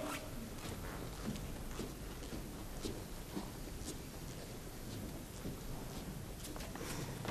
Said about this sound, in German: Den strafen die Götter durch Donner und Blitz.